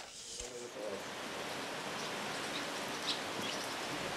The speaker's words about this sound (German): Gerade regnet es wieder, junge Hunde. Das finde ich jetzt schon ein bisschen gemein, dass wir nach knapp einem Monat so absaufen.